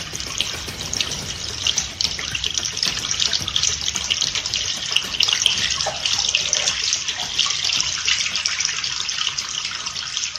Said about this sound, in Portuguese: Lave sempre as mãos com água tratada, sabão ou cinza antes de cozinhar, antes de comer e depois de usar a latrina ou trocar as fraldas das crianças.